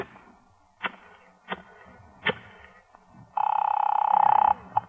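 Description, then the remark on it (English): A few sharp clicks of a wall telephone being handled and dialed, followed by a loud, buzzing electric ring lasting about a second, then one more click. No one speaks. “May I use your phone? Yeah, right here on the wall.”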